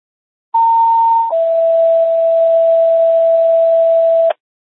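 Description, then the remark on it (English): A radio dispatch test tone: a loud, steady higher pitch for under a second, then a long lower pitch held for about three seconds, with faint radio hiss underneath and no talking. “Break, Medic 6, do you stand by for test tone?”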